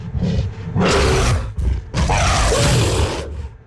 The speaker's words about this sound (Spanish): ¿Se escuchó como un rugido? Sí, si ustedes escucharon como un rugido, están en lo correcto.